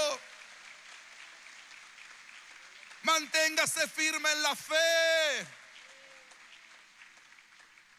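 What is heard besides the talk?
audience applause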